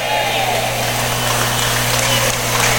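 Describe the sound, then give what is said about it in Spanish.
An audience claps their hands in applause to the Lord in a steady, dense wash of overlapping claps, holding an even loudness throughout, with a low electrical hum running underneath. “¿Están haciendo tortillas o están aplaudiéndole al Señor?”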